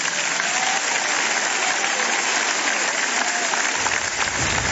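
A church crowd claps steadily in sustained applause for Jesus, dense and loud throughout, a wash of many hands with no pauses and no one talking over it.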